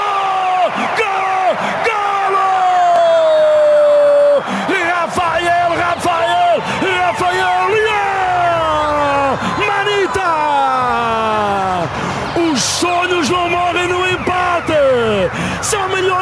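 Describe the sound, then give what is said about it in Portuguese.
Loud, sustained shouting and whooping from many voices, with long rising and falling yells over a dense roar of a stadium crowd cheering after Portugal scores a goal to lead 4-0, going on without pause. “A bater ao mesmo tempo, são milhões de vozes a gritar o mesmo nome, Portugal! Golo!”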